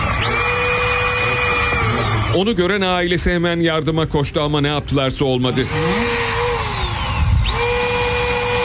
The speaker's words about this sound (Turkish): Devriye itfaiye girdi. Demir kesme makinesiyle parmaklıklar esnetildi.